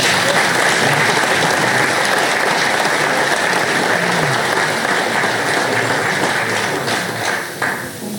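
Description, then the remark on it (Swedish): Sustained applause from a crowd after names from the Gothenburg constituency list are read out, a dense steady clatter of many hands clapping at once, loud, tapering slightly toward the end. “En applåd till.”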